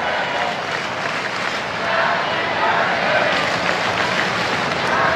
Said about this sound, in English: Crowd chanting happy birthday for Ohtani right now.